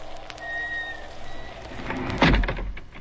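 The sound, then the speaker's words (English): A door in an old furnished house swings shut with a heavy thud near the end, preceded by a faint high creak and a soft, rain-like hiss throughout; no one speaks. “The door closed.”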